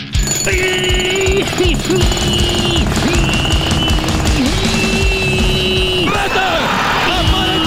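Loud, close jackhammers pound in a rapid, continuous rattle, with shrill whining tones rising and falling over the dense mechanical hammering throughout.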